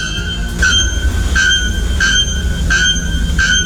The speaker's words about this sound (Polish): Pierwszy to dzwonnik na goszyi, ptak zamieszkujący atlantyckie lasy Brazylii, znany ze swego donośnego, metalicznego śpiewu.